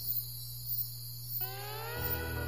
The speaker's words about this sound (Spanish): Ese sonido de fondo, esa vibración que escuchas, es el canto de la selva nocturna. Es el sonido de un millón de seres atravesando la casa de campaña. Murciélagos, grillos, ranas y otras especies que salen al ponerse el sol.